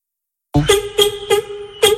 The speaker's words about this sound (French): C'est un florilège de klaxons. Alors, on a commencé par le klaxon italien, ensuite le klaxon de combi. Tous les enfants ont klaxonné un peu plus dans les tunnels et voilà.